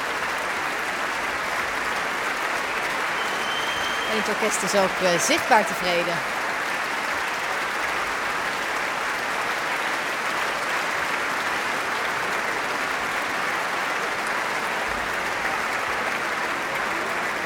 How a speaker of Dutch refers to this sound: Het publiek staat nog volledig. Niemand gaat nog naar buiten. Iedereen fluit zoals u hoort.